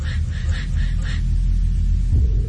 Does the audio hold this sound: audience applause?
no